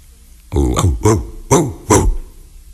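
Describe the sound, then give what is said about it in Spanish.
A voice imitates a big dog barking: four deep, gruff woofs in a rough, evenly spaced rhythm, fairly loud, with no other sounds around them. “O podía ser más grande.”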